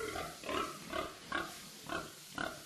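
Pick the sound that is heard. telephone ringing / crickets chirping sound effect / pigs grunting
pigs grunting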